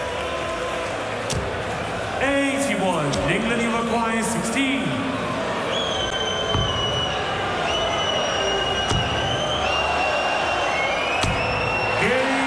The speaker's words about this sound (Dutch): Ondanks het fluitconcert van het Duitse publiek weet Littler toch die dubbel achterin te gooien.